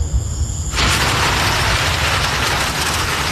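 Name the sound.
thunder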